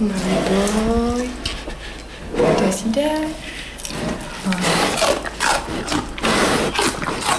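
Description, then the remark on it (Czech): Two bears crunch and chew stalks of celery as a person feeds them, a steady run of wet, snapping bites and squishy munching, with a person's voice briefly audible over the chewing. “Už pěkně chroupají.”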